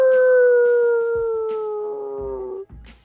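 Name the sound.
dog howling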